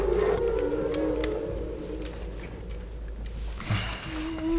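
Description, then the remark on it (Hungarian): Whale calls: long, low moaning tones that slowly bend in pitch, with a higher rising cry near the end, over a steady deep rumble and no talking. “És a Bálnát azt benn hagyjuk?”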